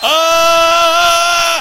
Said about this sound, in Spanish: No. Sale desde la tripa, de las entrañas. Digan todos aleluya.